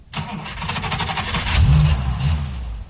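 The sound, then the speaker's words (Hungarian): A car engine cranks and catches, then revs up with a rising growl before settling into a steady, rumbling run, fairly loud, as the driver starts the car and takes the wheel. “McLendon begyújtotta a motort, és átvette a vezetést.”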